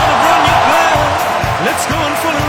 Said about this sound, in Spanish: Y esos aplausos son para él, por supuesto.